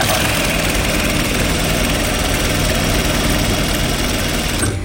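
A sewing machine and a steam iron run steadily in a sewing studio: a loud, fast, rhythmic mechanical whir and low thumping from the machine, with the continuous broad hiss of the steam iron mixed in, no one speaking.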